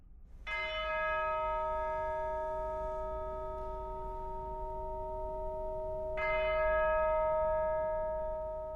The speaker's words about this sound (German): Die Einspielung beginnt mit 6 Glockenschlägen. Damit setzt sie gleich einen ernsten und feierlichen Ton für die Totenmesse von André Comprat.